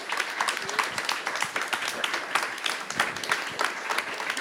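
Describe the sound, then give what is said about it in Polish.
An audience applauds a music band from Łódź, Poland, steadily: dense overlapping claps forming a sustained, fairly loud wash of clapping from start to finish, with no talking over it. “Brawa dla nich.”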